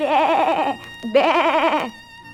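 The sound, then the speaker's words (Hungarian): Two loud, wavering sheep bleats, each under a second with a short gap between, their quavering tremolo clear and strong, as the sheep run ahead while being driven out to pasture; no talking. “A birkák béget veszaladtak előtte.”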